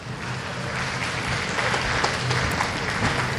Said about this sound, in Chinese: 嗯，旁边的掌声是送给莫菲和桑卡姆这场比赛的。10局比赛战罢，桑卡姆6-4战胜了肖恩·莫菲，拿到了第一张半决赛的门票。